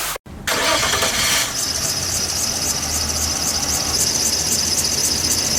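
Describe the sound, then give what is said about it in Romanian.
A car engine cranks over and over without catching, a loud grinding starter whine with a rapid rhythmic churn and a brief squeal at the start, no voices. “Of, te-a găsat mașina din nou.”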